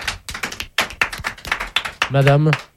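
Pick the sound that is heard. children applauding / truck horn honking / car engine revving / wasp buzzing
children applauding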